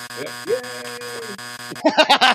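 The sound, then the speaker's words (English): A harsh, steady electronic game buzzer drones for almost two seconds while voices murmur beneath it, then it cuts off abruptly and people start talking excitedly. “Oh, he hit her with a buzzer.”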